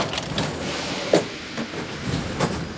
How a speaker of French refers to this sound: Le métro arrive. Trop de chance, même pas besoin de l'attendre.